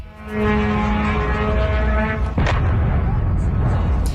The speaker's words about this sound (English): An Iranian Shahed drone explodes after hitting a warehouse in the port town of Al-Shuhabiyah in Kuwait.